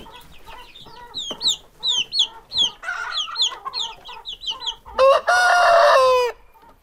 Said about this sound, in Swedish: Oj. Här har vi kycklingar.